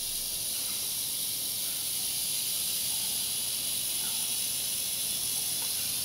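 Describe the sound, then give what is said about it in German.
A rattlesnake's rattle buzzes in a steady, dry, high-pitched hiss that holds without a break for about six seconds, fairly loud, with no voices. “Unsere Klapperschlangen sind ja wärmesensibel.”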